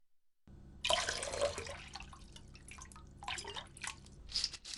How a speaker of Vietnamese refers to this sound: Sau khi kiểm tra độ tươi sống của ngao, thì hãy cho chúng vào luộc qua, cho 4 cốc nước vào nồi.